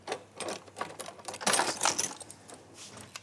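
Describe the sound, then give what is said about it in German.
A knife slices shortcrust pastry dough into 4 to 5 cm wide strips against a board, producing a series of soft, quick scraping taps and clicks with no one speaking. “So, und dann schneide ich mir 4 cm breite oder 5 cm breite Streifen aus diesem Mürbeteig.”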